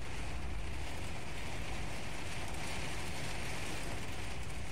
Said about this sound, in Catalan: Plovia molt fort, cada vegada més intensament.